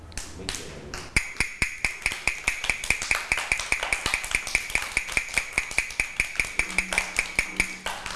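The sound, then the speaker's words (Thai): A quick, steady run of sharp taps, like knocking on a wooden block, tapped by a teacher as a fast rhythm for children to clap along to, repeating evenly at a brisk tempo for several seconds, clear with no talking over it. “คือจังหวะอะไรคะจังหวะเร็ว”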